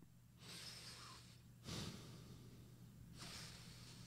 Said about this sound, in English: Why are you breathing through your nose? Because that's how I breathe.